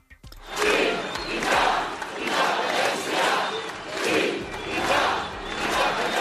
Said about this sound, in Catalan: És el crit unànime repetit a la gran manifestació als carrers de Barcelona que ha aplegat milers de persones convocades per Òmnium i l'Assemblea Nacional Catalana amb la participació de totes les formacions independentistes.